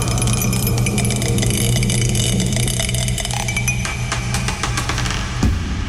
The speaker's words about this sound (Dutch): Oh, hij is aan het tollen, dat dobbelsteentje. Hij tolt. En het is nummer 4 geworden.